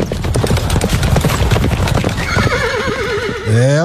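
Rhythmic hoofbeats clip-clop steadily for a couple of seconds, then a horse lets out a loud, wavering whinny that rises sharply at the end.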